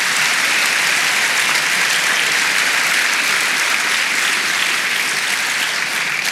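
audience clapping hands

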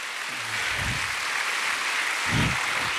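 audience applauding

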